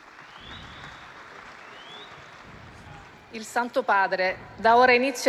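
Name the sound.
crowd applause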